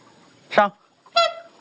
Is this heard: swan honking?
yes